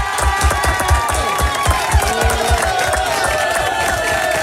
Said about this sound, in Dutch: Nog één keer applaus.